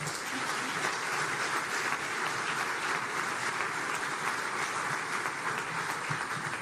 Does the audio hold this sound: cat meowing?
no